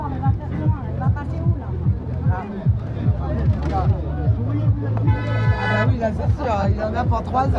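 Truck horns blare in long, overlapping honks, loud, with a sustained low drone and a brighter horn blast midway, over crowd chatter and street noise, as angry drivers of two trucks try to force their way through a roadblock.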